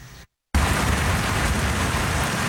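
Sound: thunderstorm with heavy rain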